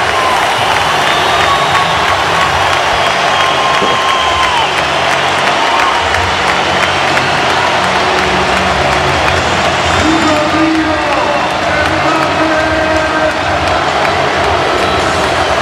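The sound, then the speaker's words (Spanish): A stadium crowd of about 45,000 to 50,000 people at the Spotify Camp Nou gives a sustained standing ovation to Rodrigo Hernández Cascante (Rodri), dense applause and cheering filling the whole stretch at a steady, loud level, with a few scattered whistles rising above the roar. “El Spotify Camp Nou, ovación tremenda a Rodrigo Hernández Cascante, que aplaudía a las, bueno, yo creo que 45 o 50 mil personas que ahora se agolpan en el Spotify Camp Nou.”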